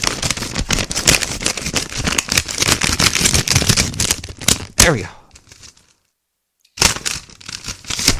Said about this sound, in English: We do have one piece of mail that came in. Let's open it up and see what we got here. Oh, this one's a sticky. It's really. Now, I do have scissors. But I'm gonna stick my finger in here.